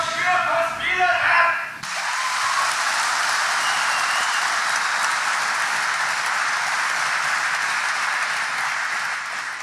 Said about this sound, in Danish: Det gik da også meget godt, lige indtil en tilskuer betvivlede, hvor kvælstofudledningen overhovedet kommer fra, til stor jubel for de andre.